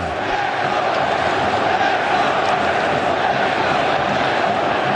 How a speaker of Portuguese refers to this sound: Gritando o nome do Wesley, que acabou de chegar e já chegou marcando um golaço.